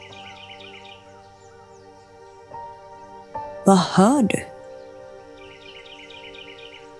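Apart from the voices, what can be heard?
birds chirping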